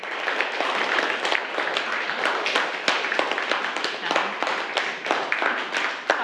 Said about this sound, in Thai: ขอบคุณสื่อวินิทัศน์ดีๆนะคะปรบมือให้แสดงการขอบคุณด้วยค่ะลูก